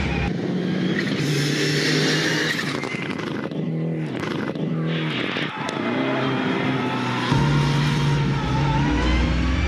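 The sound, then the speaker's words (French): A Mitsubishi Lancer Evo VI engine revs hard, its pitch climbing and dipping through several throttle blips, topping out around 5,500 to 6,000 rpm, with a steady loud drone and a brief tire skid mid-clip. “Et par contre, le moteur il prend pas beaucoup de régime, hein. C'est maximum 5500 tours, 6000 tours.”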